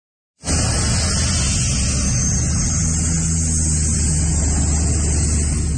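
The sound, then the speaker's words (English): A water bomber plane scooping up water: a loud, steady, deep roar with heavy rumble and hiss that starts abruptly and holds unbroken for several seconds, with no voices. “Just the sound of that thing pinking up water there is enough to kind of make you rumble there.”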